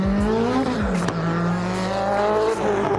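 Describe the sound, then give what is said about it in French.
A race car engine drones loudly and steadily, with a thin, high turbo whistle sustained above the rumble and brief shifts in pitch as it revs. “On entend bien le turbo qui siffle.”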